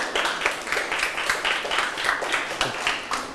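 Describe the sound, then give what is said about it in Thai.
A group of children clapping together in a classroom, a steady, fairly loud patter of many hands lasting a few seconds with no talking over it. “โอเคครับเก่งมากปรบมือเพื่อนได้เลย”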